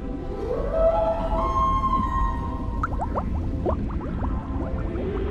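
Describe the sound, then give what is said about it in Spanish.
A whale call: a long, harmonic moan that rises, then holds a steady pitch for about two seconds, followed by bubbly clicks and gurgles over a continuous low watery rumble. “¡Tengo una amiga ballena!”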